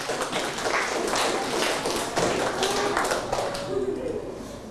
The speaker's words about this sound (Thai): เอาปรบมือให้เพื่อนหน่อยเร็ว